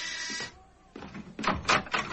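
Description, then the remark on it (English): A door is answered and opened: a steady, harmonic buzzing tone lasts half a second, then a brief lull, followed by several rattling, clattering bursts of the latch and door moving. No one speaks. “I'll answer the door”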